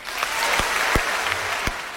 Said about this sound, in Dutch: Dat applaus, dat kan nog veel harder, want laten we eens een heel hard applaus doen voor Dylan.